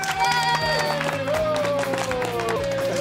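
A group applauds with steady, dense clapping and some cheering for about three seconds, while a sustained, slowly falling musical tone plays underneath.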